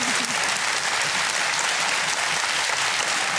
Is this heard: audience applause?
yes